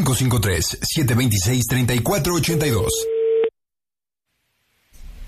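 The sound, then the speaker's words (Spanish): A steady telephone busy tone sounds for about a second after the other party hangs up on a radio prank call, as lively talk ends, then cuts to silence before faint background noise returns. “¿Por qué colgó el teléfono?”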